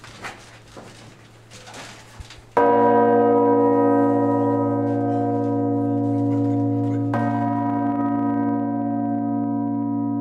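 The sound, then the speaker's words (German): The five-ton church bell Regina Zöli (Queen of Heaven), the heaviest bell of the peal in the bell tower, strikes once with a sudden, very loud clang, then a deep, rich hum rings on and slowly decays, struck again faintly partway through. Quiet rustling precedes it. “Regina Zöli, die Königin des Himmels, ist die schwerste Glocke des Geläuts.”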